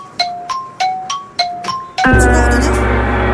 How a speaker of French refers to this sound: Il y a le gong, qui est arrivé.